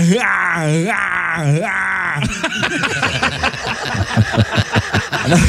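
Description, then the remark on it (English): A man vocally imitates Arnold Schwarzenegger's pain yell from his action movies: a couple of loud, strained, wavering groans, followed by several seconds of rhythmic, breathy laughter. “One is his pain yell, and every movie he has to do it.”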